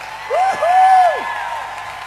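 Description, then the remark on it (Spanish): Audience applause makes a steady, moderately loud wash of noise for about two seconds, while a shrill whistle rises, holds a long high note, then slides downward over the crowd. “aplauso con todas sus fuerzas a él.”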